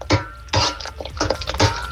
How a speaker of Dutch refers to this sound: Ja, ik gok dat jij aan het koken bent. Klopt dat? Ja, klopt. Wel hard bezig met pannen, maar nu nog aan het koken.